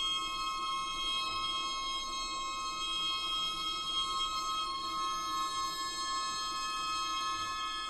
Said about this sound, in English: These particular ringing tones come from a piece by composer and sound artist